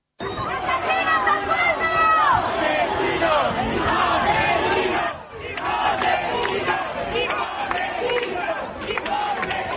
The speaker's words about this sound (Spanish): amplio dispositivo policial para tratar de contener a los activistas radicales aquí concentrados, que no han dudado en intentar romper el cordón policial, empujándoles, insultándoles con gritos de asesinos, fascistas, sinazis. Esto es lo que decían.